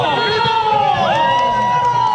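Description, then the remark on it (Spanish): A large crowd of all ages cheers and whoops continuously as runners set off at the start of a family fun run in the Ex Helipuerto sector of the Costanera in Valdivia, with excited high-pitched shouts and whistles rising over a dense wash of voices, loud throughout. “Ya están corriendo, ya están corriendo. De todas las edades a esta hora, en el sector Ex Helipuerto, Costanera Valdivia, algunos niños también en bicicleta, otras personas mayores de todas las edades,”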